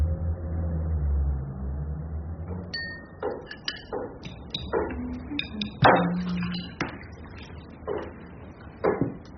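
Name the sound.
car driving away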